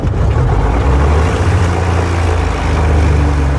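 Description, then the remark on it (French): A car engine runs steadily and loudly after a two-hour repair in which its 12 spark plugs were removed and cleaned because the engine seemed flooded; its deep throbbing rumble holds constant with a rough, hissy roar on top. No one speaks. “Le moteur semble noyé. Et au bout de 2 heures, la délivrance.”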